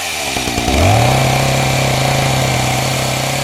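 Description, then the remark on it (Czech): A small two-stroke chainsaw engine revs up quickly and then holds a loud, steady buzzing whine at high speed, continuous with no voices. “Hlavně hned neskoušejte ty motorové pily, ať z vás není bezruký žonglér.”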